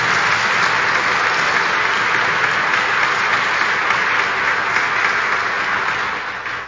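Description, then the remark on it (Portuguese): A big round of applause for Our Lady (Nossa Senhora) from a crowd of pilgrims at a sanctuary, many hands clapping in a dense, steady roar that holds loud throughout and only begins to fade in the final moments. “Nossa Senhora merece uma grande salva de palmas, né?”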